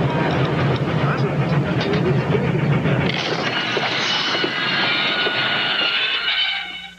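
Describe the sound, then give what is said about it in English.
The Venice Simplon Orient Express, a luxury passenger train, rolls along the rails with a steady, dense rumble and rhythmic clatter, loud throughout, with muffled voices mixed in before the sound cuts away at the end. “Naturally, the most luxurious train in the world serves the richest coffee in the world.”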